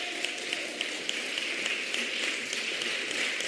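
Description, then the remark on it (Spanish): An audience applauding: dense, steady clapping from many hands fills the whole stretch at an even level, with individual sharp claps popping out of the continuous wash and no voices on top. “Usted canta eso, usted aquí lo siente, salta, alaba, aplaude, usted se regocija porque es una verdad que vivo.”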